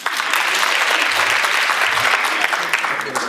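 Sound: audience applause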